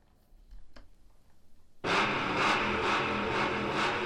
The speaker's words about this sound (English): So I'm going to be heading out of here, getting in this car for our last little race out of here.